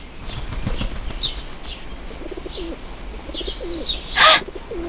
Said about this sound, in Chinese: 鸽子，哦，你们看，有一只鸽子。 哎，这不是金伯伯家的吗？